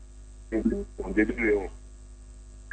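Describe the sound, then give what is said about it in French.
A switched-on radio plays faintly beside a caller on a mobile phone line, muffled, band-limited voices in two short bursts over a steady electrical hum. “Déjà, ton poste radio, il est allumé, il est à côté de toi.”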